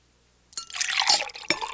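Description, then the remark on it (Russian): After a brief silence, water splashes steadily into a cup, a bright continuous trickle with a couple of small gurgling bursts as the pour goes on; more water is being poured for His Majesty at a dinner. “Его Величество, вероятно, хочет еще немного воды.”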